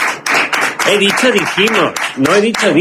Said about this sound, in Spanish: Pero, todos, por favor, fuerte aplauso para.